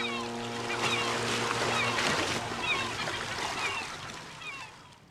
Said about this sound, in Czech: A znělka nám napověděla, že se chystáme na odpolední hudební kompas.